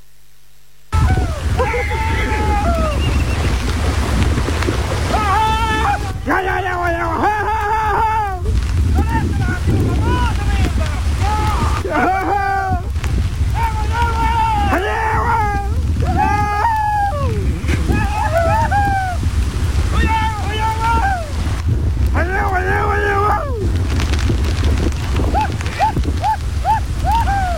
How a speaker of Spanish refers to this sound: como acostumbran a hacer los campesinos de ese lugar, una vez que sube el río Pichilo y el Carampangue propiamente tal, sus caballos quedan aislados. Escuchemos el ambiente de lo que fue un rescate en un video ampliamente viralizado.